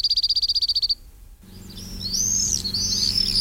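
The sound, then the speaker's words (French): A cirl bunting's dry, rapid trill of about fifteen identical high notes lasting under a second, clear, followed by a pause and then other shrill, sweeping bird calls. “Il n'est pas forcément très très fréquent, mais on entend assez régulièrement son chant, facile à reconnaître, ce trille.”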